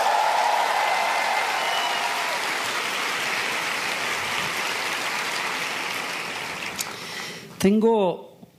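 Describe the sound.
An audience of women applauds themselves in a dense, steady wash of clapping for about seven seconds, then it cuts off and a single voice begins speaking.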